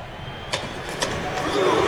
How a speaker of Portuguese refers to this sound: A torcida do Brasil fazendo creu. Repita. Creu. Sensacional.